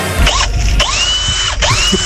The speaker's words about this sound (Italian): Arriva la raffica da suoni degli strumenti di lavoro. Vai, vai.